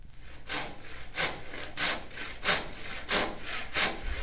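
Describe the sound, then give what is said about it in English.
A voice imitates a saw with about seven rhythmic, breathy rasping strokes, evenly spaced back and forth, moderately loud with no other talking. “Make your arm go back and forth while I make a sawing noise.”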